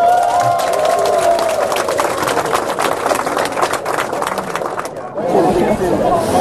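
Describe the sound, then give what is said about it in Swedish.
A large audience bursts into loud, sustained applause with cheering voices for the kitchen staff who cooked the meal, a dense roar of clapping that fills the space for several seconds before briefly dipping and swelling again. “Vi ger henne och hela matlaget en rungande applåd.”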